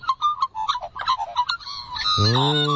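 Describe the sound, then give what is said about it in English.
An Australian magpie carols in a quick run of bright, warbling notes, ending in a louder, harsh, buzzy call. The bird sounds alone, with no talking. “The Aussie magpie is the most commonly spotted bird.”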